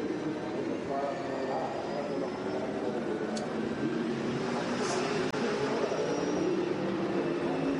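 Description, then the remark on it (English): An onboard racing car engine hums at a steady, moderate pitch, held below full revs as the driver nurses the car home, with a constant rushing noise underneath and only slight changes in tone throughout. “Well, he's certainly not going on full revs, is he?”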